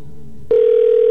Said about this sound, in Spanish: Ya se sonó el teléfono de Robert.